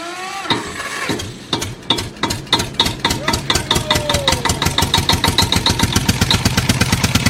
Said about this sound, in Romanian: Mergem cu tractorul, dragii noștri!